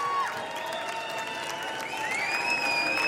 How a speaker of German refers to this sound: Sie lässt sich bitten, aber die Menge schreit sie raus.